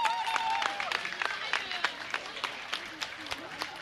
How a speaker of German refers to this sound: Super, das waren die Little Dragons, der Toast. Nochmal einen großen Applaus für die Mädels und für die Trainerinnen.